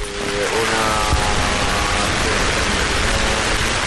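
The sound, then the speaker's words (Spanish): Steady, dense hiss of the first drops of rain falling across the Puerta del Sol square in Madrid at about 7 in the morning, with a faint hum of traffic and brief tonal sounds underneath; no one speaks. “Cuando son las 7 y 3 minutos de la mañana, las 6 y 3 en Canarias, así suena a esta hora la Puerta del Sol, con las primeras gotas de lluvia que empiezan a caer sobre ese núcleo central de la Plaza de Madrid.”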